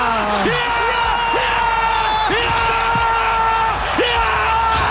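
A crowd cheers loudly and without pause as Switzerland's penalty goes in and Switzerland reaches the quarter-final, a dense wall of overlapping yells, whoops and bellowing voices, with individual shouts swooping up in pitch again and again.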